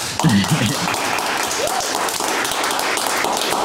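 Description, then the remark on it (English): A steady round of applause, a dense crackle of many hands clapping that holds at an even, fairly loud level throughout, with a short burst of voice near the start. “Big round of applause.”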